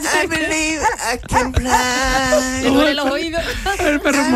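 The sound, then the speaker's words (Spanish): A dog whines and whimpers in long, wavering high-pitched cries, broken by a few short sharp yelps, loud throughout. “El perro ya está vagando, ¿verdad?”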